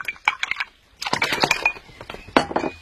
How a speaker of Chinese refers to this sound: 哎，你过来看啊，你只要用这个鼠标轻轻点击一下就行了。